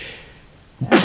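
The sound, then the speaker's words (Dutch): A single sudden sneeze bursts out near the end after a quiet pause, loud, with a sharp onset followed by a brief breathy spray. “Gezondheid.”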